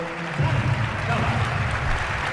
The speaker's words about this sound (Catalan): Ovació per Apostovi.